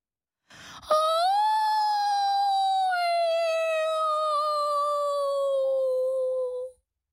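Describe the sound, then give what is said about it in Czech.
A single long, eerie wail from a thin, translucent, mist-like creature crouching in a corner, holding a steady mournful tone for about six seconds and slowly sinking in pitch, loud with no other sounds around it. “A za chvilku něco zakvílelo.”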